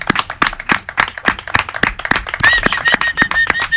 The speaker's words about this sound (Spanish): Ahora te vendría bien un aplauso de todos, porque creo que quedaría bien aquí.